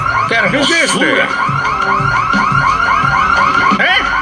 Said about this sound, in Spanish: No trae nada para la alarma. Oye, ¿tienes otra copia de las llaves? Necesito la llave de esto. Quiero apagar esta cosa.